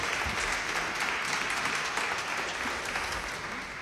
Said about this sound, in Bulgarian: вашите аплодисменти са за нея и за нейните прекрасни две песни